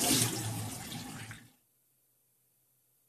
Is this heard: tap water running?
yes